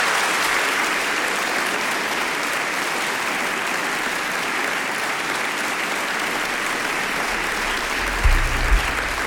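Steady, dense applause from an audience for the band introduced on stage at the Ištekani show fills the whole stretch, a continuous crackle of many hands clapping at even loudness, with a brief low thump near the end.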